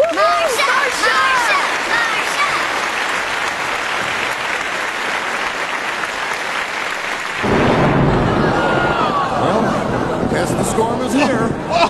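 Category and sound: nature, thunderstorm with rolling thunder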